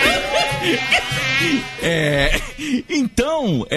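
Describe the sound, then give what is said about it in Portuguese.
A fairly loud mosquito buzz whines and wavers continuously for a few seconds, its pitch sliding up and down, with a warbling, voice-like tone toward the end. “Foi lutando com o pernilongo na Bahia.”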